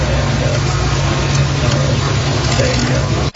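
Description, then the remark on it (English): A Harley motorcycle engine idles with a steady, deep, throaty rumble, holding a constant loud drone for a few seconds before briefly cutting out near the end. “They got him on the back of a motorcycle. Even Young started the Harley.”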